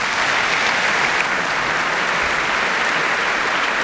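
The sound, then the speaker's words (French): Steady, dense applause from a large crowd and the orchestra's musicians as soloist Krzysztof Michalski walks onto the concert stage, also applauded by conductor Anthony Hermus, a continuous wash of many hands clapping at an even loudness throughout, with no voices standing out. “Christophe Michalski, on le voit en coulisses, qui sourit, qui se lève, qui regarde Anthony Hermus, et hop, c'est parti, le voici sur la scène, applaudi par les musiciens, par Anthony Hermus, par le public.”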